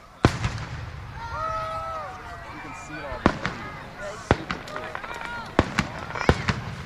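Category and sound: sound effect, fireworks exploding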